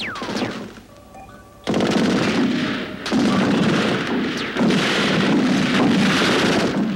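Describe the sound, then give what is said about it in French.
Loud bursts of battle noise as the Russians attack: rapid machine-gun fire and heavy artillery blasts in three long roaring waves, with a whistling descending shell sound and a brief quieter lull early on. “Ici, il pleut de plomb et du fer, et nous pourrions endommager notre précieuse personne.”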